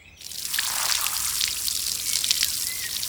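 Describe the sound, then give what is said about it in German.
A steady hiss of water spraying from a garden hose onto dinosaur bones to clean them, splattering against a hard surface with scattered droplet ticks, continuous for a few seconds with no voices. “Warum spritzt du die Knochen denn mit dem Gartenschlauch ab?”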